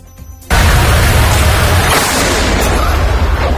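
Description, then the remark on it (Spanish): A sudden, loud explosion erupts after a brief quiet moment, followed by a sustained deep rumble and roar that lingers for several seconds. It comes from a controlled detonation of a mortar shell found on La Ribera beach in Ceuta, carried out by the Spanish National Police bomb disposal unit; one of two detonations. “Bueno, es una de las explosiones por parte de los CEDAX ayer, de la Policía Nacional, que detonaban de forma controlada un mortero hallado en la playa de la Ribera.”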